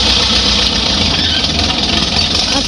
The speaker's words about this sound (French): C'est quoi? C'est un tracteur. Un tracteur. Bon, c'est d'accord. J'aurais dit une moissonneuse batteuse.